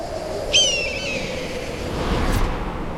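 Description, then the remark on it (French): A single sharp, high cry of a gigantic black eagle slides slowly downward and trails off, followed a moment later by a brief, powerful rushing whoosh of its wingbeat, over a steady outdoor background in which cicada song stops abruptly. “Quelle puissance! C'est pas du petit battement d'ailes de moineau qui vient de nous secouer les plumes. Le chant des cigales s'est arrêté net. C'est un aigle noir.”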